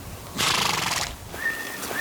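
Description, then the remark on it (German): A horse neighs once, a loud, shrill, quavering whinny lasting under a second, followed by a couple of thin, high sustained tones over a quiet background. “Wenige Minuten später laufen die Pferde frei herum.”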